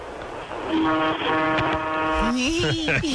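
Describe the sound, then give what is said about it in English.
The air horn of a Peterbilt truck, tooted by its driver from the rig, gives one loud, steady blast lasting about a second and a half, a deep, brassy multi-tone chord, followed by a brief gliding voice. “give reach up and give a little toot on the air horn, would you?”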